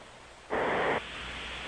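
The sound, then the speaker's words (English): A caller who has been on hold for 80 minutes snores over the phone line: a single loud, rushing snore lasting about half a second, harsh and noisy like a burst of static, rising out of steady phone-line hiss and then fading back into it. “That's snoring. That's bizarre snoring.”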